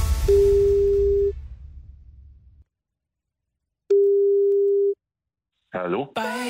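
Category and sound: signal or alarm, telephone ringing tone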